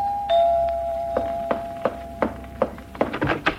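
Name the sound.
doorbell ringing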